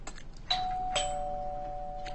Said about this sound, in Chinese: 自从对面一搬来人，咱家门铃就没消停过。 我去开门。